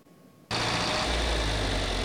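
After a brief quiet moment, a John Deere tractor engine from a Northeast Nebraska family tractor collection heading to auction suddenly roars to life and settles into a loud, steady, low rumble, with no one speaking.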